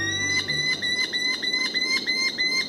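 Merlin falcon calls: a fast, steady run of shrill, high-pitched notes, about three per second, sounding loud and unbroken with no talking.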